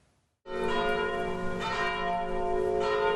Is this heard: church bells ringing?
yes